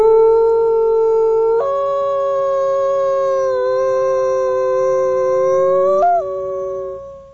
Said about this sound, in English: You know, I think we actually have a recording of a gray wolf howl. Let's hear it.